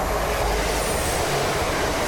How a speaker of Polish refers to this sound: Mijamy się z jakimś innym pociągiem teraz.